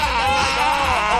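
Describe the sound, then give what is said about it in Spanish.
A person loudly imitates a donkey's mating bray, a strained, nasal, wavering cry held steadily for about a second. “Ese sonido que están escuchando es el, se le llama el canto de aparamiento de los burros.”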